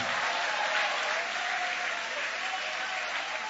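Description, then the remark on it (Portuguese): A church audience applauds in worship of God, a dense wash of many hands clapping at an even, sustained level for the whole stretch, with no single voice standing out. “Você que vive de milagres, você que vive de milagres, aplaude, adora, glorifica.”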